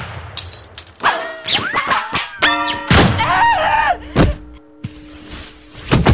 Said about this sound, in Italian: Clara è crepata per un colpo di rimbalzo sparato ad una bottiglia ripiena